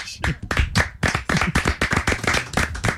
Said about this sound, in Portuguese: Muito bom, uma salva de palmas.